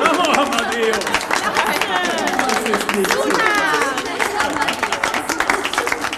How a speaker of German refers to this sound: der natürlich wieder einen extra Applaus einheimst.